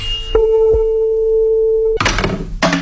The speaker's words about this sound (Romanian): Maestre, tonul! Poftim! Luați-l!